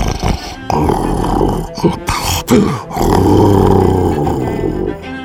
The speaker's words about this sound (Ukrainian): Шпигунське хропіння грізно гуло, здіймалося вгору, спадало вниз, переходило в мурмотіння. Воно справді здавалося підступним і небезпечним. До того ж було дуже голосне.